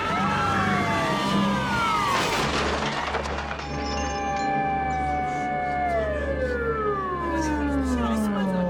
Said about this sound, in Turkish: Tüm birimlerin dikkatine, soygun alarm.